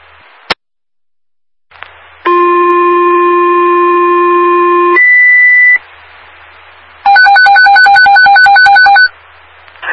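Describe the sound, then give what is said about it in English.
Fire dispatch radio alert tones from Fairfield police dispatching the Fairfield fire department to a commercial fire alarm: a click, then a long steady two-tone signal that shifts pitch, followed by a rapid warbling pulsed tone, loud and clear over faint radio static, with no voices. “I'll tone it out again.”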